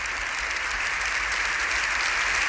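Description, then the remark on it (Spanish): Sustained applause from deputies and senators in the hemicycle of the Congreso de los Diputados for Pope Leo XIV, a dense, steady wash of many hands clapping at an even, fairly loud level with no voices over it. “El aplauso de diputados y de senadores.”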